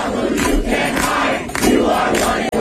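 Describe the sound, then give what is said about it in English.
A loud crowd of anti-Israel street protesters during Benjamin Netanyahu's visit, many voices singing or screaming together in a dense, continuous roar with rhythmic surges, no single voice standing out. “They're doing the leftists out there, the anti-Israel. Singing or screaming.”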